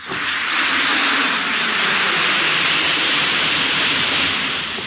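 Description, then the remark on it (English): A steady fizzing hiss of an Alka-Seltzer effervescent tablet dissolving in water, bright and crackly, holding an even loudness for about five seconds with no voices. “Listen to it fizz.”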